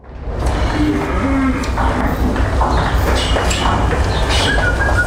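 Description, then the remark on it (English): A herd of 500 dairy cows being moved from their field to the milking parlour lows and moos amid a constant shuffle of hooves and movement, several calls overlapping in a busy, steady outdoor din. “This is following in real time with a webcam a herd of 500 cows being moved from their field to the milking parlour, which long-term listeners of Newscast will know sometimes comes up on Newscast.”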